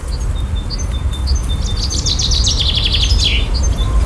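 A Eurasian blackcap sings at dawn in the Alhambra woods, starting with a few thin, scattered notes before breaking into a rich, rapid fluting warble, over a steady low outdoor rumble.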